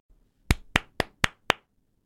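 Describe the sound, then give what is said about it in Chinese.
Five sharp hand claps in an even, quick rhythm, like one person applauding, introducing the 2025 Taiwanese disaster action thriller film 96 Minutes, each crisp and fairly loud against near silence, with no voices. “今天要分享的电影呢，就是2025年上映的台湾灾难动作惊悚电影《96分钟》，掌声鼓励一下。”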